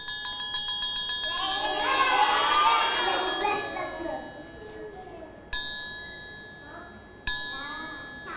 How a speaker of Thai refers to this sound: เรียกว่าระฆังสามเหลี่ยมค่ะ